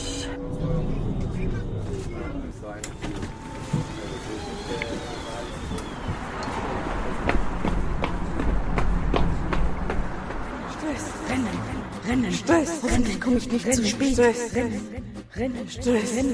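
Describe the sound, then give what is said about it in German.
Quick, uneven footfalls hurry along over a steady rumble of street traffic, with cars passing and faint voices in the background. “Rennen, Stress, hoffentlich komme ich nicht zu spät.”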